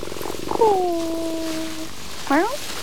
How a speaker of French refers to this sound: Oh, un chat. Un chat sous le cerisier en fleurs.